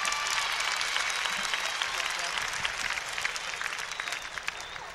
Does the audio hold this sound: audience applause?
yes